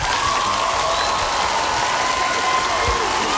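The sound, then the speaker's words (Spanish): Steady, dense applause from a crowd for a birthday fills the whole stretch at an even loudness, with a faint sustained tone running through it and low rumbles underneath. “Un fuerte aplauso para ese cumpleañero.”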